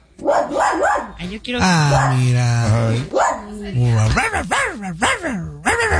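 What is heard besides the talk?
puppies barking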